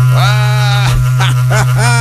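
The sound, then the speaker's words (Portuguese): A berrante cattle horn blows a loud, sustained droning note that wavers and bends in pitch, sounding brassy with no voices over it. “É o meu berrante, tá tocando para dizer para você que não tem mais retorno, não, gente.”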